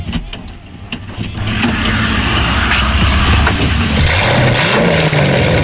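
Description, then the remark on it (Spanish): A car engine turns over and comes to life, its low rumble building into a sustained revving drone, loud, with a brief mechanical whir near the end. “nos tenemos que subir a uno de sus coches”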